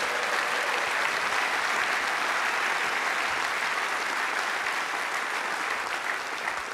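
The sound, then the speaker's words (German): An audience claps steadily, a dense wash of many hands applauding at an even level throughout, with no voices rising above it. “Und damals, ja, da kann man mal klatschen, genau.”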